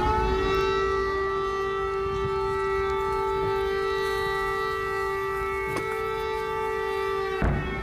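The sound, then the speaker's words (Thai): An air raid warning siren wails in Kyiv, Ukraine, after Russian missile attacks, in a long, steady, sustained tone with strong harmonics, holding its pitch throughout before cutting off abruptly near the end, with no one speaking. “เสียงสัญญาณเตือนภัยทางอากาศดังขึ้นในกรุงเคียฟหลังจากรัสเซียใช้ขีปนาวุธในการโจมตีพื้นที่หลายจุดนะครับ”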